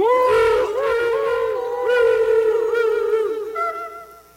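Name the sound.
whale song vocalizations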